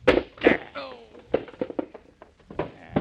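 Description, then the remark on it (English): A chair strikes a man: two loud, sharp wooden thuds, followed by a brief vocal cry and a scatter of smaller knocks and clatters. “Here, I'll get him with this chair”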